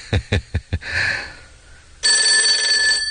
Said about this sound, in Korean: 각자 위에서 전화벨이 울렸다. 몇몇 전사들이 강을 건너지 않겠다고 버티고 있으니 주부주석 동지가 얼른 강가로 와 보세하겠다는 작전실의 전화였다.